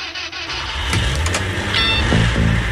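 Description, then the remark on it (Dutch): A car rolls in with a steady engine rumble, then its tires give a short, high squeal before the vehicle comes to a stop, loud with no voices. “Daar is hij hoor, gierende banden.”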